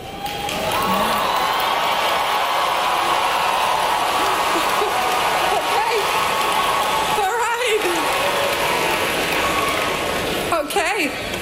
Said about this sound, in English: getting booed and cheered, ironically, by the 2026 graduating class of the University of Central Florida after describing artificial intelligence